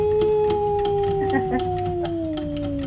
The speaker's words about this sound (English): Wow, dogs everywhere in the Truckee Meadows are going,